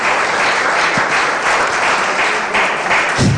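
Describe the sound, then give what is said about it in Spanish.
An audience applauds, a dense, steady wash of many hands clapping at once, loud and sustained throughout with no voices standing out above it. “Dale ese aplauso otra vez.”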